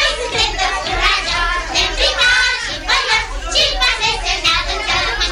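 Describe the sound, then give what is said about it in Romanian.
A crowd of children from the Gări neighbourhood shouting and calling out over one another while playing outdoors, a dense, lively, high-pitched clamor that stays loud and continuous throughout. “Copiii din cartierul Gări.”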